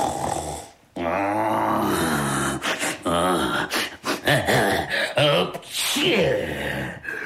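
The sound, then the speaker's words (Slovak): A voice imitates the loud, monstrous snoring of a sleeping dragon, with deep rasping inhales, throaty snorts and growling exhales repeating for several seconds, with no other sounds. “Šarkan chrápe, ako by drevo pílil.”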